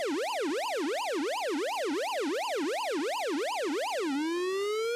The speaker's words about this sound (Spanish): No, parece la alarma sísmica, güey.